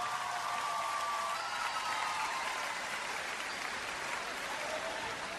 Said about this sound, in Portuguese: Uma salva de palmas, faz favor.